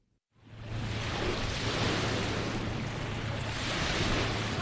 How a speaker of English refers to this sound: The distant sound of crashing waves rings through the tree line of Refuge Cove State Recreation Area, north of town.